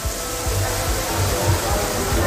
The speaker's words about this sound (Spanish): El metro de Valencia, por ejemplo, sonaba así. Esto era captado por unos usuarios dentro del mismo metro. Escuchemos la cantidad de agua. Estación de Jesús del metro de Valencia.